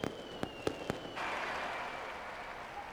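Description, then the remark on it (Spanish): Four sharp firework bangs go off in quick succession during the fireworks display opening the Fiestas del Pilar in the Plaza del Pilar, Zaragoza, Spain. They are followed by a steady wash of crowd noise and cheering from thousands of people, with a faint high whistle running underneath. “Miles de personas se han congregado en la Plaza del Pilar para escuchar el pregón que han pronunciado los bomberos de la capital aragonesa y el espectáculo de fuegos artificiales.”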